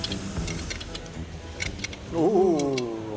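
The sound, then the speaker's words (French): A car engine cranks with a series of rapid clicking ticks, then catches about two seconds in and revs up, its droning tone rising and wavering loudly. “Mais avant toute chose, il faut remettre ce moteur en route.”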